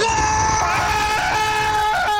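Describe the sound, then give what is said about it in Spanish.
A person lets out a sustained, loud vocal scream imitating a man with a cold stepping into icy shower water at 5 in the morning, a strained, wavering cry held for a couple of seconds with no other talk. “Panita dice que a las 5 de la mañana, el panita que está enfermo, resfriado, ingresa a la ducha y en la tranquilidad de la madrugada, los vecinos de ese individuo van a escuchar un grito así como...”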